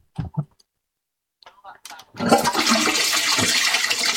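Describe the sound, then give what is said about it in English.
A few brief clicks and knocks, like a handle being worked, give way to a loud toilet flush that rushes and gurgles steadily to the end. “Can I flush the toilet on her?”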